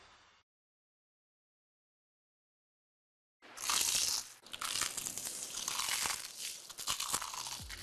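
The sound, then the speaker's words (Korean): After a short silence, loud crunching of a bite into crispy, crumb-coated fried chicken (60개 치킨's 크크크 chicken) erupts and keeps going, a dense crackly texture lasting several seconds with no talking. “크럼프를 입혀 크런치하고 크리스피하다.”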